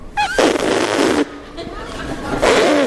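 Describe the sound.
A human voice alone, without an instrument, makes loud, buzzy trumpeting blasts, a long raspy blare followed by a quieter stretch and then another short brassy burst, like a baby elephant in distress.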